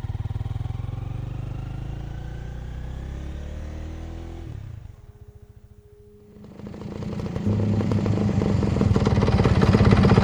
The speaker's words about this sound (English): Well, you'll have plenty of time to think about that on the drive. Hop on into the sidecar and the motorbike.